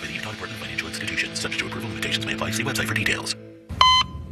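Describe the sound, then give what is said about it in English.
A busy stretch with voices gives way to a brief pause, then a steady, piercing electronic monitor tone sounds alone at the end, like a heart monitor flatlining, in a radio commercial for the Generous Auto car dealership. “Don't follow that flat line.”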